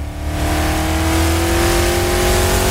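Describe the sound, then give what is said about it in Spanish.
The engine of a limousine called the Homer starts, roars up and revs steadily, a loud, sustained motor sound with rising tonal whine and heavy low rumble, no talking over it. “Prende la Homer. Prende la Homer. Es una Homer. Limusina.”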